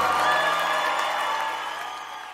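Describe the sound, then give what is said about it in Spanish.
A large church audience applauds and cheers in a dense, steady roar of clapping that gradually tapers off, loud throughout. “Denle más fuerte ese aplauso.”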